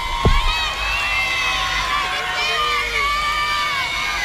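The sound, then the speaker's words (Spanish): A large crowd of people from the El Bosque commune cheers and shouts for Alanis at an award presentation on stage, a dense wash of many overlapping voices rising and swelling continuously, with a brief low thump near the start. “Con mucho cariño de la gente del Bosque, que hace un grito por Alanis.”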